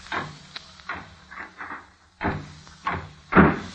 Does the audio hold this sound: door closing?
yes